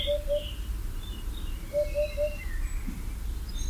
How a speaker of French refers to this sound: On n'a pas réussi à la voir, mais on l'entendait dans le feuillage en train de pousser son houp houp houp bien caractéristique, la huppe fascio.